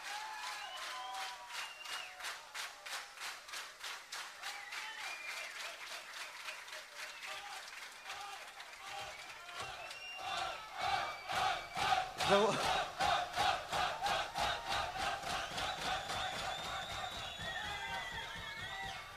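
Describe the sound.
A large crowd claps steadily in rhythm, with voices shouting and cheering throughout; the clapping and cheers swell noticeably louder about halfway through and stay strong to the end.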